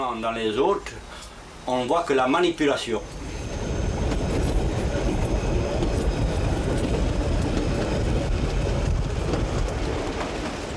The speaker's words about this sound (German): Hinter Casamozza beginnt die Fahrt in die Berge. Der Zug fährt das Tal des Golo aufwärts, überquert diesen größten korsischen Fluss auf imposanten Viadukten, fährt hinein in die mit Macchia überzogenen Hügel des Küstengebirges.